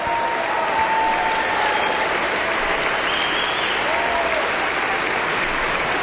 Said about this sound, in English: And now the two of them exit for the moment. But the audience is still applauding.